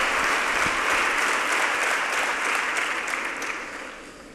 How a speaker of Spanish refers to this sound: Ya en el atril de oradores, el presidente de la Junta, Emiliano García Page, con la ovación del auditorio,